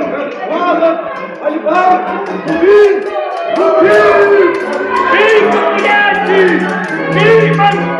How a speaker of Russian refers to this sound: Что тут за крик?